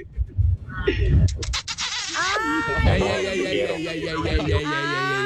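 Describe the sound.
After a couple of seconds of muffled thumps and noise, a person imitates a horse's neigh: a loud, quavering whinny with a trembling pitch that carries on for about three seconds.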